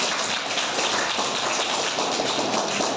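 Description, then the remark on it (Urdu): A group of people clapping together for a teacher in a dense, steady patter of many overlapping hand claps, sustained and fairly loud for the whole stretch with no voices. “موہت سر کے لیے تالی بجاؤ.”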